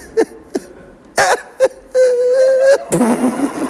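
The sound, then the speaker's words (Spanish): A man cries and sobs with short choked gasps, a long wavering wail, then a broken, shaky sob at the end. “Con los llantos, chiquillo, ¿qué te pasa?”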